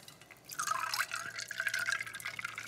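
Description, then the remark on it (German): Soda being poured into a drink made with Korn: a steady, bright fizzing and splashing stream starts abruptly and continues at moderate loudness with gurgling, bubbly texture, no voices. “Dann gieße ich das Ganze mit unserem Soda auf.”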